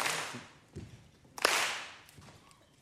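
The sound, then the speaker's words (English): An audience at the Wood Songs Old Time Radio show claps and stomps along with an a cappella song: a broad wash of hand claps swells and fades twice, punctuated by a few heavy thuds and sharp cracks, with no voices. “I will ask people to stomp and clap for me, if you will.”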